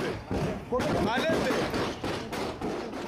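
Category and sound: impact, gunfire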